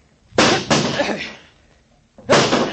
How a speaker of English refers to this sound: Break down the door. That's it. Grab that chair. Stand back, Doc. Get away from the door.